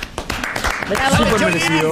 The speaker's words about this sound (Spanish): Bueno, aplaudimos entonces, fuerte el aplauso para el chori.